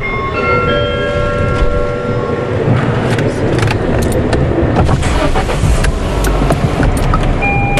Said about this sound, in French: Je baisse les vitres puisqu'il pleut pas encore.